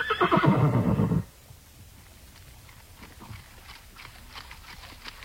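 A horse gives one loud whinny lasting about a second, followed by quieter, irregular hoof clops of horses walking at a slow pace in single file on a forest trail, ridden by Nez Perce and Clearwater National Forest government officers.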